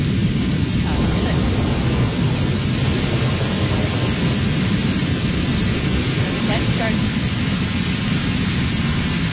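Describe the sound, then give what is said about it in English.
Steady, dense rumble of a thunderstorm with rain pouring continuously, a broad hissing wash that stays loud and even throughout, with deep low-end roll beneath it and no distinct single thunderclaps. “Starts at 11 after the thunderstorm.”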